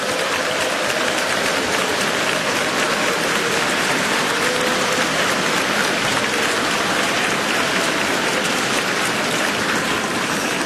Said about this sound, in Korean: 다시 한번 양옆에 계신 우리 믿음의 동역자들에게 격려의 박수를 보내주시기 바라겠습니다.